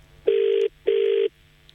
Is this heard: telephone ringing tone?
yes